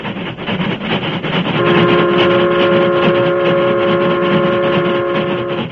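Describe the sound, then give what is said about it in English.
A Union Pacific steam train rumbles and chugs loudly along the tracks across open Western ranch country, and after a moment a sustained steady whistle tone rises over the continuous rushing clatter, with no voices. “The Union Pacific, pride of the West, was roaring across the open stretches where vast ranches separated the small crossroads communities.”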